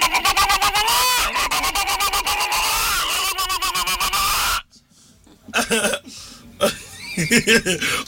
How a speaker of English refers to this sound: Hen.